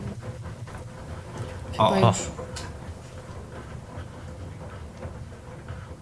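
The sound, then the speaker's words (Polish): A quiet washing machine, heating its water, runs with a steady, low, soft hum and faint mechanical rumble throughout, recorded from a cabinet opposite the machine about a metre away; a person briefly speaks a single short exclamation partway through. “To jest naprawdę cichutka pralka.”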